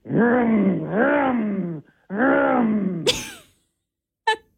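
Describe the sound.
A person imitates race car noises on the radio with two long, buzzing vocal revs that climb and dip in pitch, then a quick sharp burst and a brief final blip.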